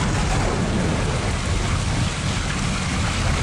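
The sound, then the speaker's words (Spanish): A thunderstorm sound effect: heavy rain hisses steadily and loudly while deep thunder rumbles underneath, continuous throughout with no voices. “No, esa fue Tormenta.”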